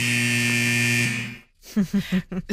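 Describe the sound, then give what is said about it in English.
A loud, sustained hockey arena buzzer blares beside a hockey rink at the end of a video, sounding for over a second with a harsh, steady tone, then cuts out and fades, followed by a voice speaking. “So that iconic hockey buzzer at the end there.”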